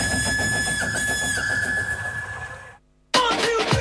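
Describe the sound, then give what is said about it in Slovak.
A steam train on the only children's railway in Slovakia puffs in a steady, rapid chuffing rhythm under a sustained high whistle-like tone, then cuts to brief silence before another loud burst of chuffing. “Tak určite stíhate jazdu jedinou detskou železnicou na Slovensku.”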